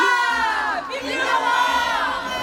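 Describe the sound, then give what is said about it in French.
A large crowd cheers and shouts "Hourra! Vive le roi!" for King Louis XVI in a sustained, loud roar of many overlapping voices, rising and swelling with excitement throughout. “Hourra ! Vive le roi ! Oh, c'est l'explosion de joie !”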